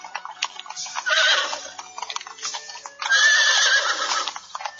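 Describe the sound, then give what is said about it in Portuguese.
Two loud horse whinnies, each a second or two long, ring out over a steady rhythm of hooves clip-clopping, with no one speaking. “Pegou as suas carruagens, os seus cavalos e pôs-se logo a caminho para a terra onde morava a menininha, a terra de Canaã.”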